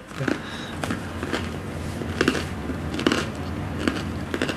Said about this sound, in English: Oh, wow, the bread is crunchy. It doesn't taste like tofu for sure.